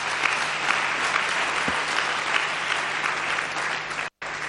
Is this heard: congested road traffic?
no